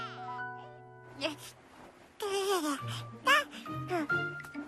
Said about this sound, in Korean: 어? 이게 무슨 소리지? 인형이 우는 건 아닌데. 그럼 이 소리는 어디서 나는 거지? 어? 1층에서 아기 소리가 나네.